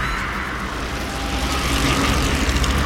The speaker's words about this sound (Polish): To chyba kolażówka była, panie. To chyba kolażówka była. Szum opon na drodze albo w lesie. Rower.